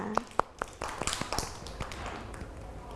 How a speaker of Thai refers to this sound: เด็กๆนะคะเก่งมากเลยที่ตั้งใจนะคะในการทำกิจกรรมต่างๆค่ะเด็กๆปรบมือให้ตัวเองหน่อยค่ะ